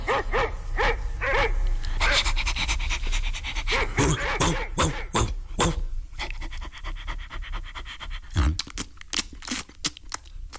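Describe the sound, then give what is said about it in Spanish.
A big dog pants heavily and barks in a series of deep woofs, with a few whiny yips mixed in, loud throughout and alone without any talking. “Nuestro hijo se convirtió en un perrote inmenso.”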